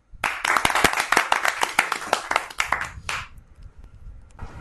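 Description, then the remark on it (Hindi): A group of children clap their hands together again for another child in a brisk, overlapping burst for about three seconds, fairly loud, then the clapping stops, leaving a faint murmur. “सभी फिर से ताली बजाएंगे”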